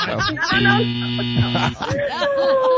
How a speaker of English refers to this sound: Buzzer.